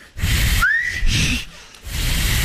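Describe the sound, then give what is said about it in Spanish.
A person whistles with fingers and the tongue folded back and pressed, blowing through the channel it forms, giving a breathy, airy tone: a brief rising whistle note emerges from rushing blown air, fades out, then more hissy breath follows. “Con los dos dedos y los dos dedos, con los cuatro dedos, la lengua la doblan para atrás, la doblan y la presionan. La tengo doblada. Escucha”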